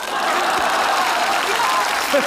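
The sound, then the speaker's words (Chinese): Steady, dense audience applause fills the whole stretch at an even loudness, a crowd clapping continuously with faint voices mixed in underneath. “不坐就继续鼓。”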